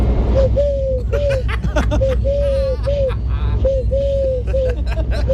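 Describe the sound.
A person imitates a turtle dove's cooing with soft, repeated hooting phrases in two rhythmic bursts separated by a short pause. A low murmur of background noise runs underneath.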